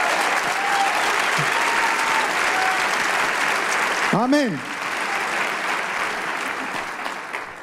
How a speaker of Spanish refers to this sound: Fuerte ese aplauso